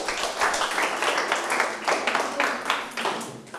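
In a Thai-language lesson on verbs, a group of students claps for a classmate, a dense burst of many overlapping hand claps that stays steady and fairly loud for several seconds with no talking.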